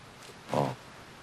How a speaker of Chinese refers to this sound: 哎呀，可不是嘛，这我平时都不敢来，就怕他院里那条大狼狗。 还有狗啊？ 是啊。